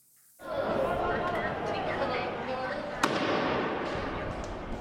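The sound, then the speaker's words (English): A single sharp firecracker bang, lit by protesters blocking streets in La Paz, Bolivia, cracks out over a dense, continuous street crowd din, with indistinct voices and chatter filling the background throughout. “Another tense day in La Paz, with protesters blocking streets and lighting firecrackers, and police responding with tear gas.”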